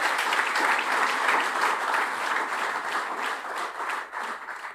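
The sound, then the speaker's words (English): Sustained applause from a sizable audience for a newly elected president, a dense, steady wash of many hands clapping at once, loud, tapering slightly toward the end with no voices standing out. “Can we clap for him, please?”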